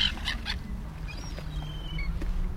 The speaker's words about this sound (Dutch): En dat hoge geluid, dat is een van de jongere vogels die daar een beetje bedelend roept. Die bruinige daarachter, die een jong, waarschijnlijk van die zilvermeeuw. Dat is duidelijk volgens mij hoger dan wat je net hoorde van die kleine mantel.